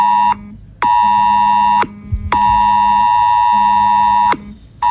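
A loud, harsh mobile phone emergency alert tone blares in repeated bursts, one short, one about a second and one about two seconds long, separated by brief silences, with no voices.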